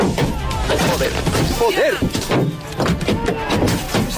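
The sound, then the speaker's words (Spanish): A crowd in Ceuta attacks a female lawmaker's car, throwing stones and eggs and punching it, producing a rapid, chaotic series of loud thuds and bangs amid constant shouting voices. “La policía ha detenido ya a un hombre y ha identificado a otro por el ataque al coche de una diputada de Ceuta ya, al que una multitud lanzó piedras, huevos, puñetazos.”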